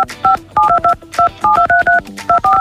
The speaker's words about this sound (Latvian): Katru darba dienu, trīs reizes dienā Radio SVH ēterā atskanēs īpašs skaņas signāls. Nu, mēs varam nodemonstrēt, kā tas kāds ir.